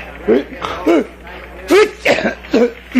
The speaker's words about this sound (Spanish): Son estornudos de alergia. Hasta el más ignorante lo comprendería.